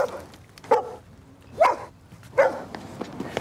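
A dog barks in short, sharp bursts, about four barks spaced unevenly over a few seconds, moderately loud against a quiet background.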